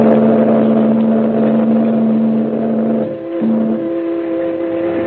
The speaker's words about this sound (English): The man grabs the package, and the little launch moves away and heads up the coast as the liner churns off up the harbor.